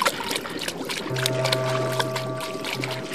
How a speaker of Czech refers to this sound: Maxipes se místo odpovědi jenom ušklíbl a skočil do řeky.